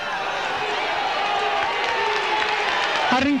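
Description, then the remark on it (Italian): A large crowd applauds warmly and steadily as the heavy carried structure (the 'macchina'), borne by porters, is being set back in place, a dense, continuous wash of clapping that fills the whole moment, with a voice briefly speaking over it near the end. “Ecco, si sta mettendo a posto la macchina, gli applausi sono veramente calorosi, grandissimi, e noi veramente speriamo ancora che questa macchina vada a posto.”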